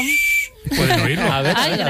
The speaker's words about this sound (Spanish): Silbato de emergencia. Os traigo un regalito. Los oyentes no pueden verlo. Pero pueden oírlo, ¿no?